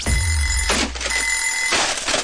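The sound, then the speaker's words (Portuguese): An alarm clock rings with a loud, steady, high-pitched tone, broken by two bursts of harsh metallic bell clatter about a second apart. No one speaks. “E não vale adiar o despertador.”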